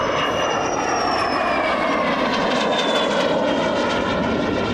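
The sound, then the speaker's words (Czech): A propeller aircraft engine drones steadily and loudly at a fly-in of Czechoslovak-built aircraft in extreme heat, its harmonic whine shifting slightly in pitch as the plane passes by, with no voices present. “Nakonec přiletělo 87 letadel, ale plus počítáme ty, které jsou i místní a československý, takže padl rekord 101 letadel československé výroby na jednom místě.”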